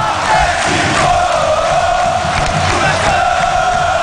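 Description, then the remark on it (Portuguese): A dense, roaring mass of Atlético fans, the torcida do Dragão, chants in unison at the Antônio Ascioli stadium as the team takes the field, the sustained collective voices loud and steady for the whole stretch with no single speaker standing out. “E o Dragão do Brasil entra em campo e eu quero ouvir ela, a torcida do Dragão,”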